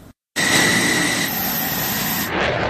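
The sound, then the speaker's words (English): An F-16 fighter jet roars loudly as it takes off from Andrews Air Force Base just after 7 a.m. in pursuit of a Cessna plane during a training exercise, a steady, powerful blast with a piercing high-pitched whine, starting abruptly after a brief silence and holding strong throughout. “This F-16 fighter jet blasting off from Andrews Air Force Base just after 7 a.m.”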